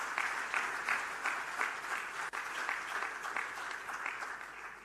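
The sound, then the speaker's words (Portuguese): A crowd applauds steadily at a ceremony marking investments in the partnership between Mozambique and the European Union, dense overlapping clapping holding an even level throughout with faint pulsing surges, no voices rising above it. “Queria, por isso, pedir mais uma forte salva de palmas por este ato.”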